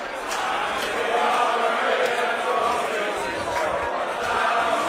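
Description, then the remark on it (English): A large crowd of England football fans breaks out in one of their famous chants and roars together, a dense, steady wall of many voices that stays loud for the whole stretch with no pauses. “You can hear one of the famous chants I was telling you about. Every so often, the crowd breaks out.”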